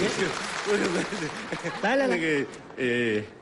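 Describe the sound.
A dense, crackling burst of audience applause fills the opening, then fades as a man's raised voice speaks loudly over the tail of the clapping.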